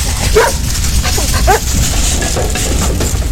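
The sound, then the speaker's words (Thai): A famous firefighting dog barks several times in short, sharp bursts over a dense, steady background noise, moderately loud throughout, as it is sent into a burning house to rescue a little girl. “ด้วยเหตุนี้สุนัขดับเพลิงที่มีชื่อเสียงตัวนั้นได้ถูกส่งเข้าไปช่วยเหลือเด็กหญิง”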